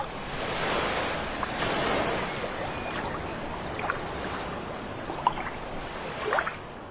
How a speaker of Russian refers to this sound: Морские волны, ударяясь о прибрежные камни, образовывали белую пену.